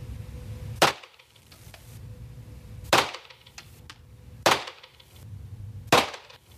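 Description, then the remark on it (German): Four sharp gunshots fired by one person ring out at a shooting range, spaced irregularly one to two seconds apart, though actually fired somewhat further apart, each a crisp crack with a brief decay over a low, steady background rumble. “Und apropos, wenn ich jetzt dann schieße, habe ich übrigens nicht so schnell geschossen, wie es sich anhört.”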